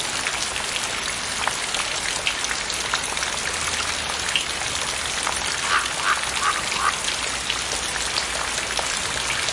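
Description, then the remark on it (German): Light morning drizzle of pinhead-sized droplets patters steadily in a soft, dense hiss of tiny drops, with occasional brighter ticks and a faint low rumble beneath; a few brief duck-like quacks surface midway. “Eine repräsentative Stichprobe des feuchten Niesels von heute Morgen bringt sie rasch auf trockene Zahlen.”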